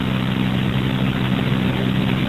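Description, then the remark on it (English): A garbage truck collecting commercial trash at about a quarter to one at night, its engine droning steadily: a loud, continuous low rumble with a humming tone that holds without pause. No voices are heard. “Just missed the eloquent sounds of garbage trucks that were doing the sanitation work that you're doing that thing.”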